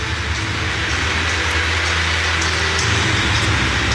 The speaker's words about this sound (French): Et la pluie, hein, qui tombe à nouveau sur Istanbul. Chaque fois qu'on met le nez dehors, de toute façon, il pleut.